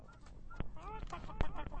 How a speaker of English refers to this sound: We got a bunch of birds birding at you.